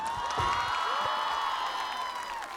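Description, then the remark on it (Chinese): A crowd applauds three performers, with cheering and high whoops mixed into the dense clapping. It holds at an even, fairly loud level for the whole stretch, with no one speaking over it. “那么我们刚刚聊完第一个作品之后，我们马上回头来聊聊我们影剧搭档的这个作品，首先给三位掌声。”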